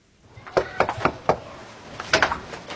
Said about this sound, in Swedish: Miljöpartiet knackar dörr i ett radhusområde i Gottsunda.